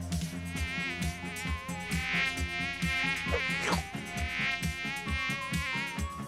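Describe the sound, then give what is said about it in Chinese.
A voice imitates a fly with a continuous, nasal buzzing, held steadily for several seconds, with a loud, regular thumping beat underneath throughout, during a word-guessing game where players act out a fly and a gecko. “你当那个苍蝇，你当苍蝇。我来演壁虎，我来演。”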